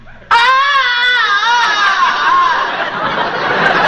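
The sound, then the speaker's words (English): Tarzan's famous movie jungle yell, the second of two: one long, loud, sustained vocal cry that bursts in abruptly, its pitch wavering and warbling before turning rougher and breathier toward the end, with no talking. “Tarzan, have two yells.”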